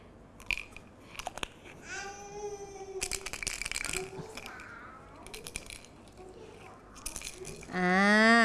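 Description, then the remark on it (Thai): Red bean seeds rattle in a jar, shaken in several short, gritty bursts, while young children's voices chatter and squeal over them, rising to a loud cry at the end. “เป็นเมล็ดพืชเหมือนกันนะคะเป็นเมล็ดถั่วแดงค่ะ”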